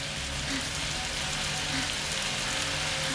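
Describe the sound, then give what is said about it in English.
Steady hiss of shower water pouring down, a dense, continuous spray without any pauses or voices, washing goo off a person standing under the shower. “As water rains down, the goo washes away. Triss glances around, standing naked under the shower.”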